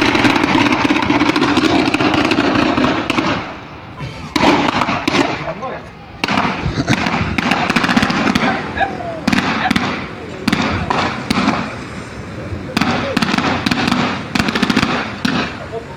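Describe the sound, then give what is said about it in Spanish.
Rapid bursts of automatic-weapon gunfire crackle almost nonstop, dozens of sharp shots rattling out in long volleys with brief lulls, loud and echoing, recorded by a neighbour at 9:15 at night. “Armas automáticas, es impresionante la cantidad de disparos.”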